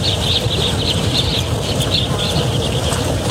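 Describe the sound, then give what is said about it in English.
A flock of birds calls in rapid, overlapping chirps at a watering hole in Namibia against a steady rush of outdoor background noise, continuous throughout, with no one speaking. “The birds acting as fans.”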